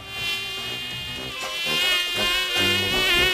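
A mosquito's thin, high-pitched whine drones steadily throughout, its pitch wavering slightly as it hovers, with no one speaking.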